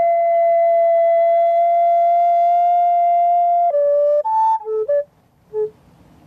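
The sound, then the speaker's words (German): A recorder played on a green meadow in Landsweiler Rieden in summer plays pure, airy, spherical tones: one long sustained note held for several seconds, then a short sequence of shifting notes at different pitches, ending in brief isolated tones and quiet gaps. “Eine Blockflöte.”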